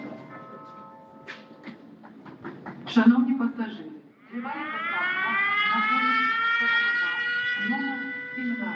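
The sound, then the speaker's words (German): An air raid siren from a phone app wails steadily and loudly through the second half, following a few seconds of voice-like sounds and short clicks at the start. “Attention, air raid alert. Proceed to the nearest shelter.”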